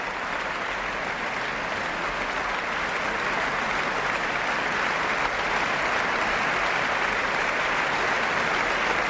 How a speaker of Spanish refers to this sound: Los profesores de la orquesta aplauden al maestro, que sube al podio y recibe esta aclamación. Y de nuevo es toda la orquesta puesta en pie junto con Josep Pons quien recibe estos aplausos.